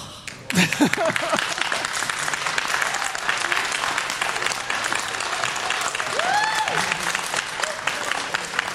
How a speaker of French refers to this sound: Alors ça vous fait quoi? Ça vous fait quoi d'être applaudi là après ça?